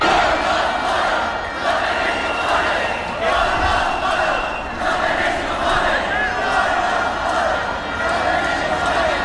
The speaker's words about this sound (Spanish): Estamos en el patio del Congreso, que es el único sitio seguro, y vamos a escuchar algunos de los cánticos.